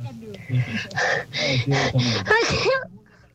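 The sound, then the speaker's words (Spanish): A run of four or five breathy, rhythmic gasping inhales builds up, then breaks into one loud voiced sneeze with a wavering, moaning tail that quickly fades out. “Ay, está buen tierno, estornudo, me gustó.”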